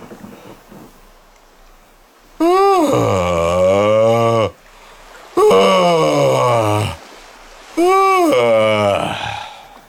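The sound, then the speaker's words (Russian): Three long, loud, exaggerated yawns, each a drawn-out moaning exhale with sliding pitch, separated by short pauses of near silence, performed as an imitation of a shipbuilder's yawn. “Это зевок, который отправляет как бы в добрый путь.”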